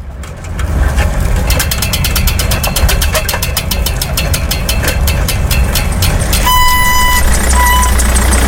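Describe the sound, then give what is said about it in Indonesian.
A parked car's engine idles with a steady low rumble, with a rhythmic ticking clatter through the middle and a short high beeping tone near the end. No one speaks. “Itu kok ada mobil mesinnya nyala?”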